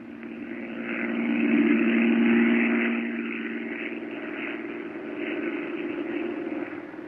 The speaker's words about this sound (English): I can't stand listening to that plane up there circling the airport. Jack Knight's been circling Bellefonte now for 30 minutes.